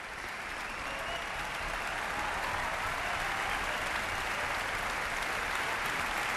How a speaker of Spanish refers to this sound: Ha habido una gran complicidad entre orquesta, solista y director que se ha transmitido al público de la sala y por eso agradecen con esta cantidad de aplausos esa conexión.